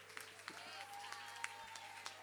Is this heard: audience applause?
yes